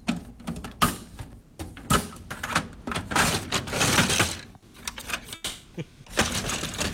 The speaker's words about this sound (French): C'est le tiroir à feuilles de notre imprimante, mesdames, messieurs. Nico et Didi qui ont dit tiroir à feuilles de photocopieur, mais ça sert de photocopieur chez nous, anyway.